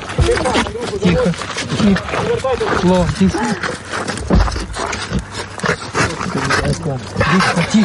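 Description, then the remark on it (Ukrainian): A border guard's dog yelps and whines excitedly in rising and falling cries at its reunion with him, loud, amid a busy commotion with people's voices overlapping throughout. “Змога обійняти свою кохану і свого пса.”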